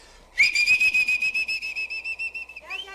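A loud, shrill muleteer's whistle is blown into a person's ears, holding a piercing high note with a rapid warbling pulse for over two seconds before sliding briefly into a lower, wavering tone.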